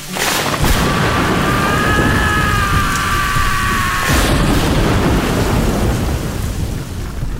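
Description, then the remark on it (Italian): Steady, loud rain hisses throughout with deep rumbling thunder underneath, while a thin whistling tone drifts over the downpour during the first half before cutting off abruptly. “Ci sono i nuvoloni neri, quindi portati il tuo ombrello di ferro comprato dagli indiani in metropolitana a 4 euro e goditi il suono della natura”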